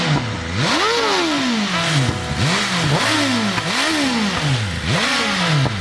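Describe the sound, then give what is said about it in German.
A motorcycle engine revs hard again and again, roughly five throttle bursts whose growling pitch climbs and drops in a steady rhythm, loud and continuous with no voices over it. “Da ist Alarm, das ist Musik, da kriege ich gleich Gänsehaut, unfassbar. Aber das vibriert doch ganz schön, oder?”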